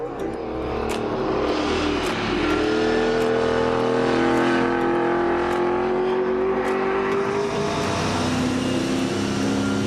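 A car engine hums steadily and loudly from inside the vehicle as the car is driven at full throttle, braking and cornering, its pitch sliding up and down, with faint road noise and no talking over it.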